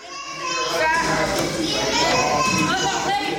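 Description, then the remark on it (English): Children playing at Busy Bee's Playhouse, a new all-inclusive indoor sensory play space in Lexington, in the Midlands: a lively jumble of high-pitched kids' voices, shouts and squeals overlapping steadily at a fairly loud level, with no clear words. “These are some of the sounds you'll hear at a new playhouse causing buzz around the Midlands.”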